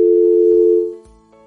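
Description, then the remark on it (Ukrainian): A steady electronic telephone dial tone on an unanswered call-in line hums loudly and evenly, interrupted by a couple of low clicks before fading down at the end, with no voices present. “Не знаю, хто телефонує на номер 050 і потім не бере слухавку”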